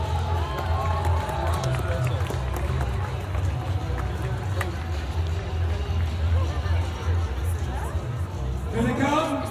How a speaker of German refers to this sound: Eine Runde Applaus für die jüngsten Teilnehmer.